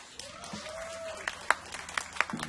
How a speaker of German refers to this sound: können wir noch einmal einen Applaus für … haben?